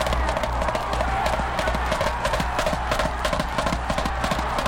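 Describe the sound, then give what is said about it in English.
Racehorses gallop off the start of an afternoon race after the starting gun, a dense, rapid drumming of many hooves over a steady low rumble, loud throughout with no pause. “There goes Galette, shaving that lead off now as the horses move around the first turn.”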